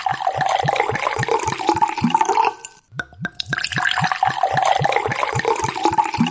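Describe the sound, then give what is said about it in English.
Wine glugs steadily from a bottle in rhythmic pulses, breaks off briefly with a few sharp clicks and clinks, then pours again just as rhythmically, serving two people. No one speaks. “And I know that you're thirsty, so let's pop some wine.”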